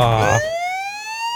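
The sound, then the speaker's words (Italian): A voice imitates a siren with a loud, steadily rising wail that follows a brief burst of noisy sound at the start. “Ma che fai la sirena?”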